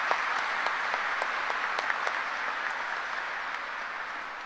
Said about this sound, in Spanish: Por eso decimos, feliz día de la juventud y un aplauso para todos nuestros jóvenes, ¿verdad? Que se merecen.